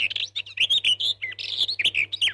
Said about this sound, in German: Nur 6 Minuten Vogelgezwitscher am Tag zu hören, führt dazu, dass wir Stress abbauen, unsere Angst gelindert und das allgemeine Wohlbefinden deutlich gesteigert wird.